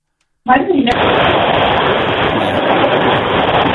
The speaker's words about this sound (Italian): Oh, mamma, questo ascoltatore deve essere in macchina, Sciauchi, perché si sente sì. Il rumore del finestrino. Sei tu, ascoltatore, che forse sei in macchina.